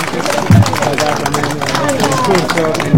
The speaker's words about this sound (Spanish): Continuando en esta actividad, vamos a invitar al gobernador regional de Arequipa, doctor Roel Sánchez Sánchez. Lo recibimos con fuertes aplausos.